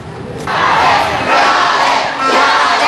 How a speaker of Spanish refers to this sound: Cerca de las 12 y 11 de la madrugada, Xiaré apareció en la puerta de arribo, sonriente con su corona y la cinta de Miss Grand International, y desató la euforia total de más de 200 personas que la esperaban varias horas en el interior del aeropuerto